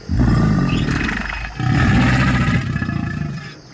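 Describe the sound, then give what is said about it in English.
An alligator growls in two long, deep rumbling bursts, the first about a second and a half, the second longer and fading at the end. Loud, low and throaty, with no voices. “That said, gators definitely know how to growl.”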